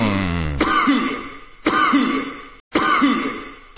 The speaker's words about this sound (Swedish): Men jag var tvungen att harkla mig lite där.